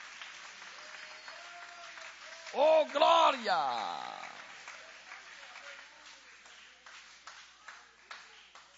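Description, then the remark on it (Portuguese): An audience applauds God with joy, steady, scattered clapping that carries through the whole stretch, while a voice calls out loudly partway through and the applause gradually thins toward the end. “Pode tomar o vosso assento, guarda a Bíblia com carinho e podem aplaudir a Deus com alegria.”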